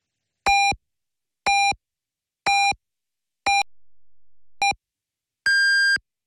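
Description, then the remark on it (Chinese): Five short, evenly spaced electronic beeps at a medium pitch, one per second, followed by a single longer, higher-pitched beep marking the hour, loud and clear with no voices; the time signal of radio station 文旅881 marking 15:00 Beijing time. “文旅881提醒您，现在是北京时间15点整。”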